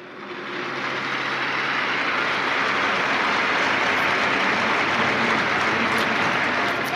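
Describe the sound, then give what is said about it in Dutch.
Sustained applause from a large crowd supporting Pope Leo XIV after his Sunday words, a dense wash of many clapping hands that swells in over the first second and then holds steady and loud, outdoors. “En daarna volgde ook natuurlijk een applaus van de mensen die op deze wijze hem wilden steunen.”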